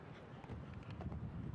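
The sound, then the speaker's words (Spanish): Hooves of a 16-year-old show-jumping horse, son of Chaco Blue, galloping strongly in a quick, steady rhythm of muffled thuds during Iván Serrano's round, set against a rumbling, windy outdoor background with faint crowd murmur. “Y galopando fuerte también, al fondo, cinco trancos, había que cuidar bien, y ahora la vuelta decisiva,”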